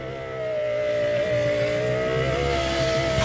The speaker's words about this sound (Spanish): Y yo te ayudé porque yo dije algo del carro. Me sonaba algo del carro.